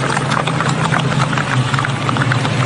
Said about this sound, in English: And tell me that's not the coolest sound in the world. Mm-hmm. The horses clopping along. Coolest sound in the world. Coolest sound in the world.